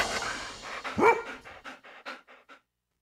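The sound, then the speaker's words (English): A dog pants rapidly in short rhythmic breaths, with one sharp bark near the start, fairly loud before cutting off into silence. “Yes, woof indeed.”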